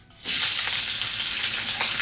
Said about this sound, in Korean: 무슨 소리인지 아셨죠? 지글지글지글지글. 맛있는 소리. 조금 있으면 추석날 많이 듣게 될 바로 이 소리. 동태전, 녹두전, 산적꼬치, 동그랑땡 부치는 소리 아니겠습니까?